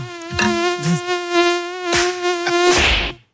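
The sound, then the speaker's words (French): A mosquito's high, steady whine drones for a few seconds, its pitch holding level, with a few sharp knocks and clicks breaking in along the way. “Comment se débarrasser efficacement des moustiques?”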